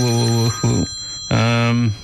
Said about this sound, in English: There goes my phone again.